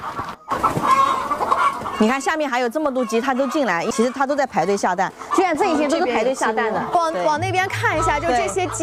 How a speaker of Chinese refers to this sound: 听这个里面的声音， 声音很大，一直在叫。 对对对， 就在排队下蛋。 哦， 就母鸡嘎嘎嘎嘎嘎嘎下蛋的时候，都是这种状态。